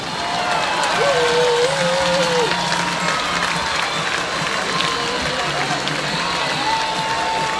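A large baseball stadium crowd roars and cheers steadily after a three-run home run to left field, a dense wash of voices and clapping with a few whistles rising above it, loud and sustained throughout with no speech.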